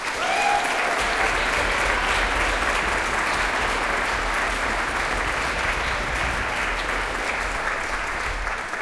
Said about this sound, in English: So a big please applaud for ….